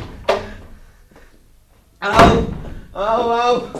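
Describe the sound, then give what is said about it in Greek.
Two heavy thuds of a door being banged by someone threatening to knock it down, the second louder and crashing as if forced open, followed by a person shouting. “Σιγά και να ρίξω την πόρτα, ρε!”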